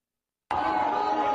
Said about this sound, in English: Now, speaking of someone who's not a centrist, Mayor Mamdani was booed at a Staten Island NYPD event.